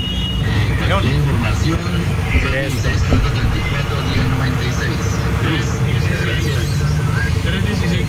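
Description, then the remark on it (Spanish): Dense everyday road traffic rumbles steadily throughout, a loud, continuous wash of engines and passing vehicles, with indistinct voices mixed into the noise. “Tráfico de todos los días.”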